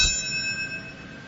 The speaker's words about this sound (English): Family members read out each name over roughly 4 hours, accompanied by music, moments of silence, and bell ringing. To mark when the four planes crashed and two towers fell that day.